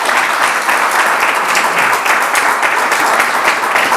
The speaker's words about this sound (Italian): Tanto gli facciamo un applauso.